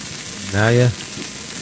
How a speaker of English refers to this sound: Sound effect sounds refreshing until the sizzling at the end. Yeah, it's not like sizzling. Bacon. It's more like bubbling. He has this one sound effect for years, and he's just always trying to find a place to use that.